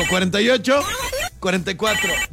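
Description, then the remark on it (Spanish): A telephone rings in short repeated bursts, fairly loud, in the studio booth of the radio station Factor 96.1 Energía Total, while a voice talks over it. “Sí, teléfono en cabina”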